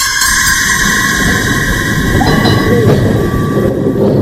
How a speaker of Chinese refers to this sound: 老式的有轨电车在街道上慢慢地开着，车厢里只有很少的几个乘客。